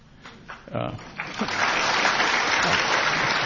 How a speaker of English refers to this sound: Friendly crowd. Yeah. They clap just by the title. That's a really friendly crowd. And that's applause for you, not this global disorder we're living in.